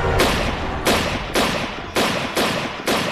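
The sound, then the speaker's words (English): Six loud, sharp gunshots ring out in rapid succession at a fairly steady pace, each blast trailing a rough echoing tail that runs into the next. No one speaks. William Buck fires six shots at the unarmed Kevin Rice after being caught breaking into a car; five hit him. “Buck fired 6 shots.”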